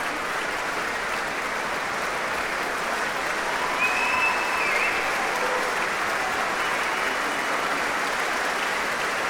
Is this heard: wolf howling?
no